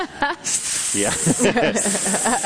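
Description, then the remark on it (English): A human voice imitates a snake's hiss: sustained breathy hissing mixed with voiced, sing-song tones, fairly loud, lasting a couple of seconds. “Aspiring serpents lined up around the block at Lincoln Center. They're all out there practicing nervously their arias.”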